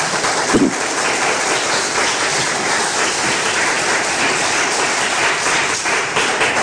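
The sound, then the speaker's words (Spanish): A large crowd gives the Lord a loud round of applause during a Christian sermon, clapping steadily in a dense, continuous wash for several seconds without any talking over it. “Den un fuerte aplauso al Señor.”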